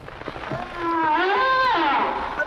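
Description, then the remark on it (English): A single long humpback whale call, a rich moaning tone that rises and bends in pitch, heard clearly and fairly loud against faint background noise. “Humpback is exactly right.”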